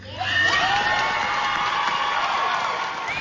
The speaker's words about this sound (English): They earned every bit of that applause.